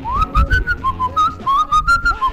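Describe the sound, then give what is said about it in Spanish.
A man whistles a catchy pop melody, the clear tone gliding between a few notes in a bouncy, rhythmic phrase, with faint low background noise underneath and no talking. “Y en esta ocasión iba silbando.”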